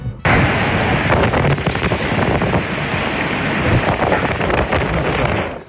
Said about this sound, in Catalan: No, aquest so és d'aquestes fortes ventades que dèiem, que va captar un usuari de Twitter, el geògraf Toni Carneros, en aquest cas del barri de la Bordeta de Sants.